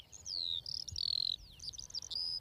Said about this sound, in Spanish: Sí, cuando escuchamos aquí el concierto de todas las alondras, está claro que este es el hábitat ideal para las aves. Y aquí ya tenemos, si prestas atención, una, dos, tres parejas cantando.